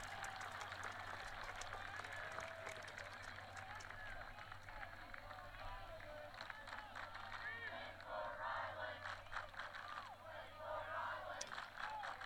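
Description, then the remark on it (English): A large stadium crowd at a football game involving Scott's Bluff applauds steadily, dense clapping mixed with scattered shouts and cheers, sustained for several seconds over a low constant rumble of the venue, with the visiting Bearcats fans applauding a player. “As we'll prepare to resume things with 8:25 remaining here and giving a fist pump to the fans in attendance and also receiving applause from the visitor Bearcats.”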